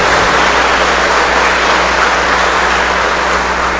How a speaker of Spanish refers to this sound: Quiero felicitar a todos los papás. Estuvieron ahí los padres, ¿verdad? 17, celebrando el Día del Padre. Felicidades a todos los papás. Regalémosles un fuerte aplauso.